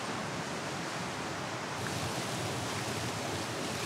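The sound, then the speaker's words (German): A steady, loud wash of surf rolls on without pause along the roughly 10-kilometre-long beach at Ristinge, a broad hiss of breaking waves that swells slightly partway through. No voices are heard. “Der Strand vor Ristinge ist etwa 10 Kilometer lang.”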